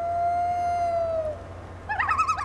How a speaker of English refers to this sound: This is WSHU's Birdsong Break, and with spooky season officially here, we're highlighting some more hauntingly beautiful bird songs this month, starting with the common loon.